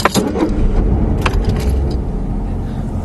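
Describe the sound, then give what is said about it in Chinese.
A car pulls away, its engine a steady low rumble throughout, with a few sharp clicks and a brief metallic jangle early on. No voices are heard. “慢点开啊。”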